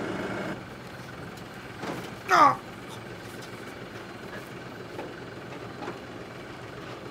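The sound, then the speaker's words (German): A steady, low engine drone runs throughout from a blue tractor idling along on the island of Hiddensee, with a brief loud voiced exclamation cutting in partway through. “Für seinen blauen Trecker hat er eine Ausnahmegenehmigung bekommen, um auf Hiddensee fahren zu dürfen.”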